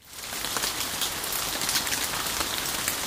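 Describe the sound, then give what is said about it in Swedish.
Steady, dense summer rain falls on a hard surface in the town of Lovisa, Finland, a continuous hiss with many small drop taps scattered throughout and no voices. “Lovisaborna fick gräva fram stövlarna i somras, då sammanlagt närmare 300 mm regn föll över stan.”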